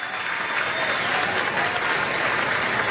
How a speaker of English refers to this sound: Love the crowd getting into it. Big support, Georgia baseball.